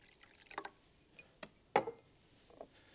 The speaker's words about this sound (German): Und wenn ich in ihn jetzt Säure eingieße, dann wird sich die violette Farbe zum roten hin verändern. Ich will das gleich mal machen und gieße also hier Salzsäure ein.